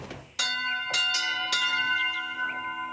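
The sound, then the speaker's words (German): A church bell in a bell tower of the village of Marienthal rings several times in close succession, each strike sharp and metallic with long overlapping harmonics that hum and sustain, with no talking. “Also hier ist der Glockenturm.”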